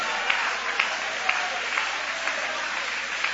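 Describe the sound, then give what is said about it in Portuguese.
An audience applauds in praise of God, a dense, steady wash of clapping with a few sharper claps popping out at regular intervals, sustained throughout without any talking. “Joga a mão para cima então e aplaude a Ele.”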